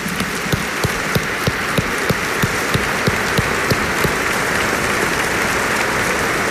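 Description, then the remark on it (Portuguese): A crowd applauds loudly and steadily in honour of Nossa Senhora Aparecida, patroness of Brazil, at a gathering of priests, religious, seminarians and devotees. For the first few seconds, rhythmic clapping in unison keeps a steady beat above the general applause. The beat then dissolves into a continuous wash of clapping. “Um aplauso à padroeira do Brasil.”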